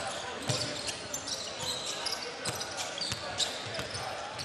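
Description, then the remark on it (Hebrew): A basketball being dribbled on a court during a Hapoel Be'er Sheva Dimona game as a player bounces the ball in the half-court offense. A few dull, irregular thumps stand out over a steady wash of crowd noise and indistinct voices, with squeaks and chatter throughout. “חצי התקפה הוא מקפיץ כבר.”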